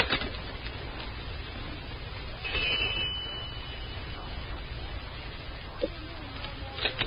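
A single doorbell ring sounds for about a second, a steady, fairly high-pitched buzzing tone that stands out from a constant hiss of background noise.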